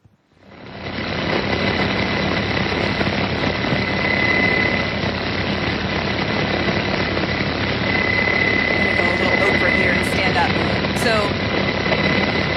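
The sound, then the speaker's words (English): A medevac helicopter's engine and rotors roar steadily and loudly in a played video as soldiers help a wounded sergeant aboard, a dense whining drone that swells in within the first second and holds constant throughout. “he helped treat his wounds, he helped direct medevac in, and then he ended up bringing him and putting him on the helicopter.”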